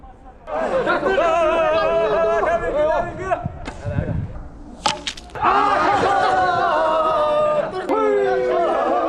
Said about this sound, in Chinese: 射程啊还是比较远的，我看不太清楚他们这个成绩，但是通过他们欢呼的这个状态，应该感受到应该是刚才这一队获胜了。